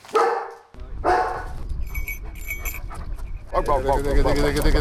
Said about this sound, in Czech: Místo obvyklého ticha byl včera okolo Labské boudy v Krkonoších slyšet hlasitý štěkot